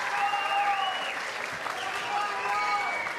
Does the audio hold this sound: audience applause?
yes